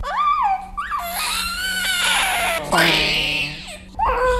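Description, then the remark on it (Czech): An infant wails loudly in long, strained cries with rising and falling pitch right after a nurse gives a hexavalent vaccine injection, pausing briefly for breath between bursts before crying out again. “Jo, vidíte, že jenom je to chvilička a už se sklidní.”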